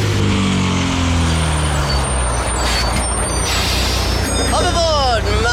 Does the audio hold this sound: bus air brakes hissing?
yes